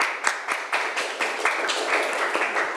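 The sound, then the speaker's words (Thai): A group of students claps for a classmate in a steady burst of applause, many hands overlapping into a dense, bright patter with quick regular accents, fairly loud, with no voices. “โอเคค่ะปรบมือให้เพื่อนหน่อย”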